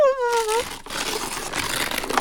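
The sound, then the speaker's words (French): Blue star-patterned wrapping paper is torn open from a gift, ripping and crinkling for a couple of seconds in a steady rustle, right after a brief high-pitched, meow-like cry. “Toudou déchire le beau papier bleu étoilé.”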